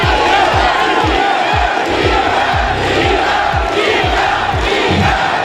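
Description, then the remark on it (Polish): A packed tennis crowd at the WTA tournament final in Toronto, Iga Świątek against Jelena Rybakina, cheers and roars steadily, with deep rhythmic thumps, like drumbeats or stamping, landing about twice a second beneath the loud, continuous wash of voices. “Sięgnęła po pierwszy tytuł w tym sezonie, a przez cały mecz mogła liczyć na ogromne wsparcie trybun.”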